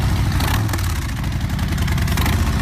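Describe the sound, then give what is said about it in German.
A Harley-Davidson motorcycle engine idles loudly, a deep, steady rumble with a rapid, lumpy pulse throughout, no voices. The Harley is part of a singer's Heimspiel event in Asbach. “Da geht jedem Motorradfan das Herz auf. Schon einmalig der Sound.”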